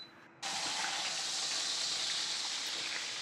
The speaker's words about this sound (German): Joe brät die Keule kurz in der Pfanne an.